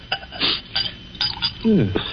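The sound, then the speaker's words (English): Brandy is poured into a glass, with several light clinks of glassware and a brief murmur of a voice near the end. “Then perhaps you wouldn't mind pouring me a little. My doctor allows brandy, though I'm forbidden spirits.”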